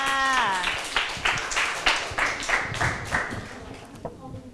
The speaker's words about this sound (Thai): ถูกต้องค่ะ ถูกต้องค่ะปรบมือให้เพื่อนค่ะ